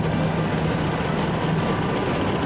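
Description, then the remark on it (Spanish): A steady, heavy rumble of the engines of four Leopard battle tanks in their most modern version, from the Spanish Army's Guadarrama XII Brigade based in Madrid, drones on without a break, dense and loud, with a low tonal hum underneath and no voices. “4 carros de combate Leopardo 12 en su versión más moderna de la Brigada Guadarrama 12 con sede Madrid.”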